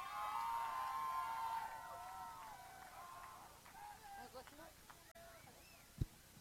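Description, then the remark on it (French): A festival crowd at the Mix Bus stage cheers and whoops loudly after a performance for the first couple of seconds, then the noise thins into scattered shouts and chatter, with a sharp thump near the end. “Une énorme main d'applaudissements!”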